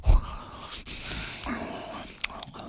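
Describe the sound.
A voice imitates a dad noisily eating corn at the dinner table, with breathy, snorting exhalations and a few sharp wet smacks and clicks, continuous for a few seconds.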